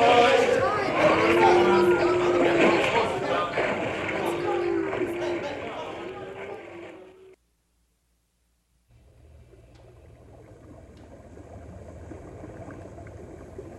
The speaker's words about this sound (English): First, we have to get the wagons across the river.